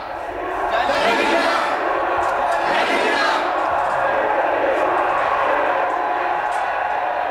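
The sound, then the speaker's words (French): A loud crowd of many voices shouts and clamors together on a theatre stage, a dense, continuous roar of overlapping yells with no single voice standing out; the crowd entering the stage includes prisoners, guards, a professor and a television crew. “La foule est entrée sur le plateau, les prisonniers, les gardes, le professeur aussi, une équipe de télévision.”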